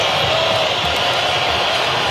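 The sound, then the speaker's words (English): A stadium crowd whistles and boos in a steady, loud, dense roar that holds for the full two seconds, with no talking over it. “Now you hear the whistles again. And the booing.”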